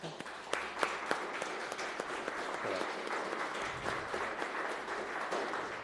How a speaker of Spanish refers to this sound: ¿Le damos un aplauso?